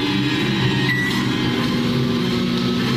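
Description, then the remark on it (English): A microwave oven called Magnetron switches itself on and runs with a steady electrical hum and low droning tones, unbroken for the whole stretch with no voices. “Magnetron just stirred himself on. No hesitation.”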